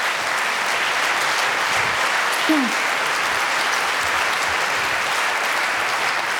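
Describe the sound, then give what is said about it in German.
Steady, dense applause from an audience, a continuous wash of many hands clapping at an even loudness, with a brief faint vocal whoop partway through and no break in the clapping. “Ja, bitte Applaus, bitte, bitte, bitte.”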